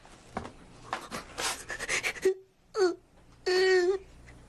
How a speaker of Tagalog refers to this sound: Umiiyak ka?